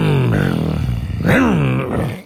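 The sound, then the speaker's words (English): A voice imitates a whipper snipper engine, though it was meant as a motorbike, with a loud, buzzing, throaty drone that dips, then surges upward and falls again in pitch over about two seconds. “That's a whippersnipper. That's fantastic. I was actually going for a motorbike, but I'll take whippersnipper.”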